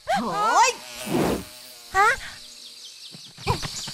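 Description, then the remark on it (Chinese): Buzzing housefly sounds whine up and down in pitch in a few short bursts, separated by a brief rushing noise and quieter stretches, fairly loud. “不要碰我，你这只臭苍蝇！ 变成苍蝇了，”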